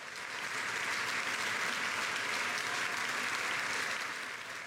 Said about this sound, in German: Applaus und Standing Ovations, Getrampel und Jubel holte sich auch Ex-Intendant Markus Hinterhäuser, der vor und nach seinen Auftritten als Pianist vom Publikum gefeiert wurde.